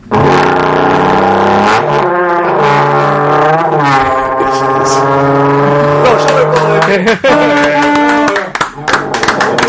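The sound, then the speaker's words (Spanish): A voice imitates a revving motorcycle engine, a loud buzzing drone that rises and falls in pitch in several sustained revs over about ten seconds. “En vez de ir con la moto, estaba practicando esto, mirá.”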